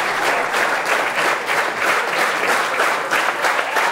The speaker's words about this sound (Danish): Og hyrende bifald her igen